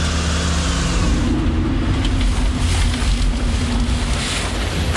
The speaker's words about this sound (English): It is a little bit breezy.